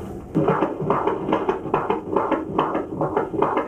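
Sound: fetal heartbeat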